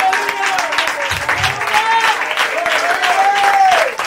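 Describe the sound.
A church audience applauds for the Lord in a steady, dense wash of clapping that lasts throughout, with voices calling out loudly over it.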